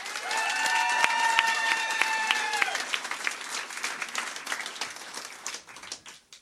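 An audience applauds with steady, dense clapping for about six seconds, loud at first and thinning out toward the end, with a sustained high cheer rising over it early on.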